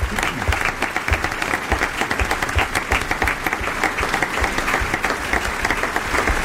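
An audience applauds steadily for the guest actors, many hands clapping in a dense, continuous patter that holds at an even loudness throughout, with no voices rising above it.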